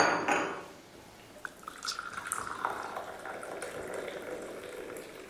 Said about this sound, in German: Können wir uns ja erstmal einen Kaffee einschenken?